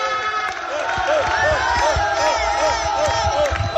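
A crowd of voices chanting and cheering together in a loud, steady roar, with a rhythmic pulse of repeated shouts and thumping beats running through it: the habitual chant of the Manlleu team after a match.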